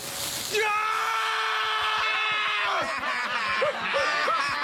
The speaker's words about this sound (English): Like, you've seen the episode where Homer puts the chili on his mouth and he runs around screaming.